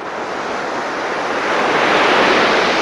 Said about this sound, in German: Das Rauschen von Wellen. Wups, steht man mit am Strand, schaut über das weite Blau und schmeckt die salzige Luft auf den Lippen.